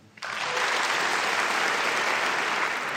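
A concert audience at a Deutsches Symphonie-Orchester Berlin concert breaks into applause for the conductor, rising quickly to a steady, dense wash of clapping that holds at full strength with no voices standing out.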